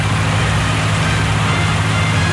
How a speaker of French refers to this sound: Là, ils arrivent. Vous entendez le bateau. Ils ne vont pas tarder à arriver au port.